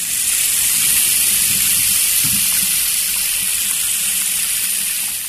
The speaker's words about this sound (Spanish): Fue al baño y se echó un poco de agua en la nuca.